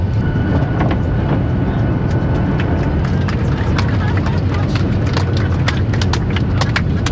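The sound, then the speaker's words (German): A passenger airplane on its landing approach to Ben Gurion Airport in Israel: a loud, steady low roar fills the cabin for several seconds while sharp rattling clicks and thumps break through irregularly. “sie setzt jetzt zum Landeanflug an auf dem Flughafen Ben Gurion.”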